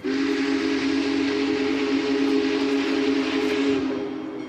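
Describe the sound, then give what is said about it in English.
A Big Boy steam locomotive, engine 4014, 133 feet long and pulling an 18-car train, barrels past with bells ringing, its whistle blaring loud in one long, sustained blast over a broad hiss of steam and rumbling, fading slightly at the end. “Then we see the headlights in the distance, and before we know it, the big boy, 133 feet long, comes barreling past us, bells ringing and steam whistle blaring.”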